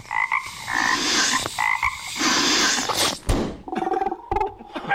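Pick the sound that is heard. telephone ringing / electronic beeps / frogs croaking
frogs croaking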